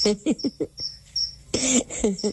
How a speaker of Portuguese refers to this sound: E esse grilo passou a noite com esse cri-cri dele e não me deixou dormir direito. Alto, né?